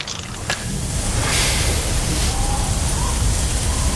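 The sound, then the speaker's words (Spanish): Heavy rain pours down in a steady, dense, loud hiss that fills the whole four seconds, with a low rumble underneath and a faint tone briefly surfacing midway. “aprovechando que por acá está lloviendo como si fuese invierno.”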